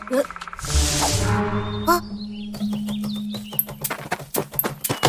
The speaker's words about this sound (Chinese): 是啄木鸟。 啄木鸟是森林的医生，肯定对这地方很了解。